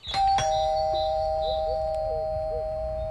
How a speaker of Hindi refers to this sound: अच्छा रुको, मैं घंटी बजाता हूँ।